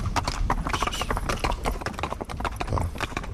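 Steady clip-clop of horse hooves on a hard surface, a quick, continuous rhythm of fairly loud hoofbeats with a faint murmur of voices in the background.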